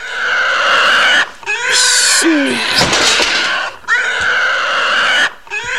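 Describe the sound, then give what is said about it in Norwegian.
A pig squeals and grunts loudly, in a series of shrill, harsh bursts broken by brief pauses, with no talking. “Man tager en gris.”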